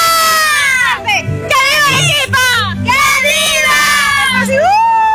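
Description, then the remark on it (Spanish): A group of children shouts a loud, high-pitched cheer in unison, "¡Que viva Arequipa!", voices rising and falling in several bursts over about five seconds, energetic. “Fuerte, gritamos, venga. Gritamos con fuerza, ¡que viva Arequipa!”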